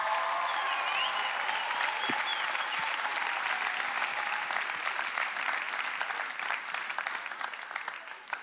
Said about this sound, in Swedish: En varm applåd.